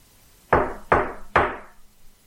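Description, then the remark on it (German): Three firm knocks on the wooden front door of a house, evenly spaced about a second apart, each with a short resonant decay, fairly loud with no voices. “Da hörten wir laute Männerstimmen vor der Haustür. Es klopfte.”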